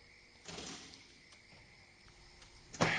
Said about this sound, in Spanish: cierra la puerta.